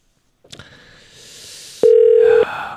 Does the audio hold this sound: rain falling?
no